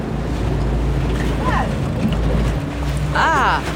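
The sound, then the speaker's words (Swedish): Steady low rumble of wind and water around a boat at sea as its anchoring equipment is hauled up, a continuous blustery wash, with a couple of brief rising squeaky tones partway through. “Det är två gula bollar som åker runt i vågorna.”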